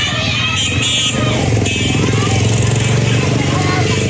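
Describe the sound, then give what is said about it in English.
Loud, steady drone of a stream of motorbikes carrying people inland after a tsunami warning following an earthquake, a continuous buzzing roar with a faint murmur of voices mixed underneath. “A stream of people could be seen moving inland on motorbikes after the authorities issued a tsunami warning, which was later lifted.”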